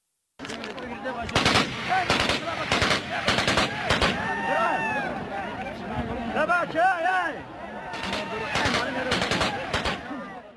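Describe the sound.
Repeated bursts of gunfire crack out in rapid clusters, loud, with agitated voices shouting in the pauses between volleys before another burst of shots erupts near the end, during a clash between Taliban members over a gold mine in Yamgan district, Badakhshan province, Afghanistan.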